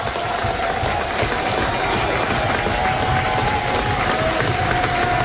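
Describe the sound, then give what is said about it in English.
A big baseball stadium crowd roars and cheers without letup in the top of the sixth inning, with the go-ahead run at second base and a 1-2 count, a dense, loud wash of voices filling the whole stretch, with a faint sustained tone running underneath. “Now the crowd's alive.”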